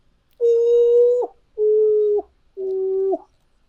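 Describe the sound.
Someone imitates a bird singing around the woods with three long, steady whistled notes, each ending in a slight upward flick, separated by short pauses and sung alone.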